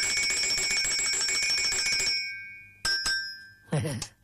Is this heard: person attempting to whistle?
no